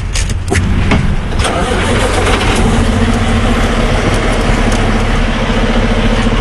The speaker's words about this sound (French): Je laisse les camions sur la transcanadienne, cette grande route qui traverse le pays d'est en ouest.